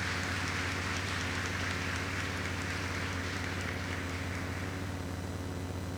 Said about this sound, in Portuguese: Vamos acolher os nossos sacerdotes com a calorosa salva de palmas.